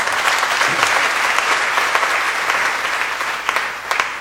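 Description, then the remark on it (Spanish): A crowd claps steadily for several seconds, a dense, bright patter of many hands with a few sharper claps standing out, no voices on top, applauding a girl who read the reading. “Vamos a darle un aplauso para la niña.”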